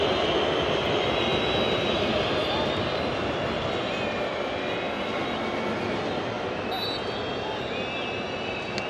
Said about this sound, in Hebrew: הדור הזה יוצא לחוץ, אין כאן קרן, אין כאן קרן. ולכן שריקות הבוז כאן של האוהדים המקומיים.